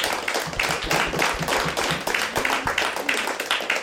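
A crowd applauds steadily for about four seconds, a dense, even patter of many hands clapping at once with no voices standing out.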